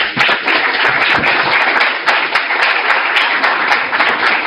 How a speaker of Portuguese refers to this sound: Uma salva de palmas.